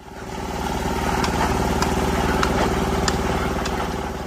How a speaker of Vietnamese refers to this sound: Âm thanh rộn ràng, sôi động vang lên từ công trường đường giao thông liên bản Xin Trải, xã vùng cao Khun Há, tỉnh Lai Châu, báo hiệu một lối mở mới cho sự phát triển.